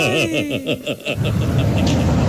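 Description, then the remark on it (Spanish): A car engine is started in the morning and revs in quick rising and falling surges, then settles into a steady, loud rumbling roar. “Cogí, prendí mi carro esta mañana para rebuscarme el diario.”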